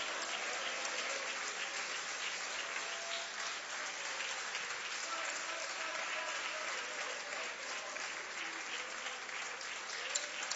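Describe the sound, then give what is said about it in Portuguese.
A church audience applauds the name of Jesus steadily for about ten seconds, a dense, even wash of many hands clapping with no clear breaks, voices faintly mixed beneath. “Isso, pode aplaudir o nome de Jesus, pode.”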